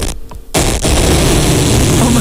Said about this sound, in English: What is that? The loudest fart you've ever heard echoes through the room.